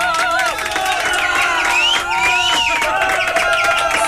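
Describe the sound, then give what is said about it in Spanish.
A loud, continuous burst of crowd noise: steady clapping mixed with cheering, whoops and rising shouts, sustained for a few seconds without pause, as applause for the people of Ventanas. “Aplauso para la gente de ventana.”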